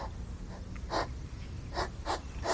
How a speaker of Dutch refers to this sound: Nou, dit is niet een stammetje hout dat doorgezaagd wordt. Of de zware ademhaling van onze technicus Ian. Maar het gesnuif van een egel in de achtertuin van Yvonne Siegel.